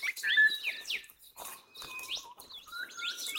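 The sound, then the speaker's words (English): Many birds chirp and whistle at once in a dense outdoor chorus at a campground, overlapping tweets and rising calls continuing steadily at moderate volume with no one talking. “Hear all this bird chorus we've got going here.”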